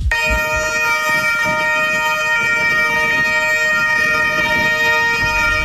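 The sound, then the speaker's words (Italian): Several local police patrol car sirens wail together in unison in the square of the local police headquarters on Via della Gazzella in Rimini, during a memorial ceremony for an officer, in a steady, loud chorus, their overlapping tones blending into one sustained sound with a low background rumble and no talking. “Le sirene delle auto di pattuglia che risuonano all'unisono nel piazzale del comando della polizia locale di Rimini in via della Gazzella.”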